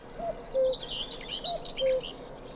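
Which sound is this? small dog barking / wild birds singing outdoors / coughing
wild birds singing outdoors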